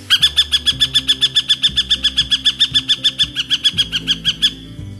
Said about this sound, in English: The northern harrier is not considered to be a vocal bird, usually only sounding off during mating season or when a predator is raiding a nest.